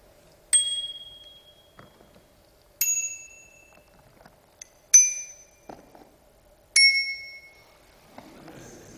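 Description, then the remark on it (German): A bicycle bell rings four times at spaced intervals, each a single clear ding with a relatively low, mellow, plain pitch that fades out slowly; fairly loud, with no one speaking. “Der Ton ist auch nicht so hell wie manch andere und hat auch keinen verspielten, besonderen Ton. Es ist ein vergleichsweise tiefer Ton.”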